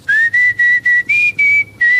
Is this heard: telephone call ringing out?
no